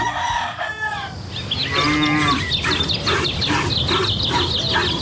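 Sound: cattle mooing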